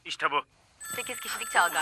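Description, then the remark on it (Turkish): A loud, steady electronic ringing with a siren-like tone, signaling a correct answer, starts right after a brief spoken line and keeps sounding while a voice talks over it. “Güçlü siren sesi doğru cevap verdi.”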